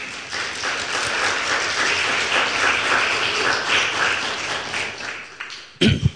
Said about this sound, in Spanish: ¿Cuántos dicen gloria a Dios? Por favor, un aplauso al Señor.